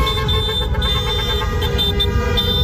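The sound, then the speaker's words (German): Several car horns honk repeatedly and overlap, sustained blaring tones over a dense rumble of street traffic and crowd noise with fan chants, loud, as fans on Bachstrasse in Schaffhausen, Switzerland, celebrate the Swiss national team reaching the World Cup quarterfinal. “Mit Fangesang und viel Gehupe ist Schaffhausen auf der Bachstrasse der Einzug ins Viertelfinale der WM von der Schweizer Nazi gefeiert worden.”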